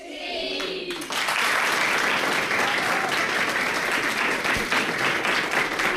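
A classroom of schoolchildren at their desks bursts into loud, sustained clapping for a guest after a brief moment of voices, the dense applause continuing steadily for several seconds without fading.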